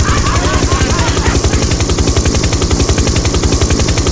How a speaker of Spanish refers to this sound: Chau, chau, en el helicóptero.